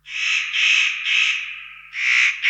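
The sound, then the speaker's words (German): A spotted nutcracker gives its crow-like breeding-season call, a series of harsh, rasping notes, four drawn-out grating calls in quick succession, loud with no other sounds. “Seine Stimme ist, wie bei den Hähern ja, im ersten Anblick auch eher so krähenmäßig zur Brutzeit.”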